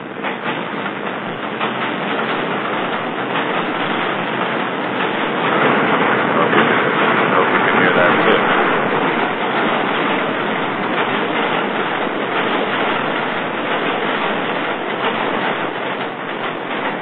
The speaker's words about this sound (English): Here comes the subway. Here comes the subway. I can hear it. I can hear it.